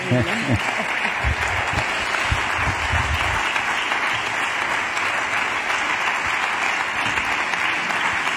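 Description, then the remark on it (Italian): Sustained audience applause fills the whole stretch, a dense, steady wash of many hands clapping, with some low voices murmuring underneath in the first few seconds. “Magari esci ancora, prendi ancora gli applausi.”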